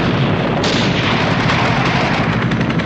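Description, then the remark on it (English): Loud, dense gunfire rattles continuously with heavy booming blasts mixed in, a chaotic barrage of shots and an explosion with no voices, as a grenade is launched at guards and men in helicopters shoot into a clinic building. “A grenade is launched at the guards. One is hit. The men in the helicopters shoot into the building.”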